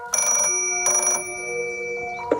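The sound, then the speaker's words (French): An old-fashioned rotary telephone bell rings in two loud, clanging bursts separated by a brief pause, the metallic ring lingering afterward. No one speaks. “Des enfants qui doivent apprendre à utiliser un cadran de téléphone et qui entendent des sonneries qui n'ont plus résonné depuis longtemps.”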